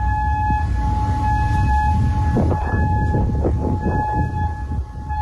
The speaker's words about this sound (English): This was one of the many air raid sirens that echoed across Kuwait today, signaling incoming drones and missiles.